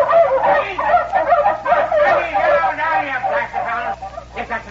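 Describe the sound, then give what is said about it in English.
A pack of dogs barks and yelps excitedly in a loud, continuous jumble as they break out on hearing a woman's voice, the overlapping calls barely pausing for the whole stretch. “The dogs busted out when they heard a woman's voice.”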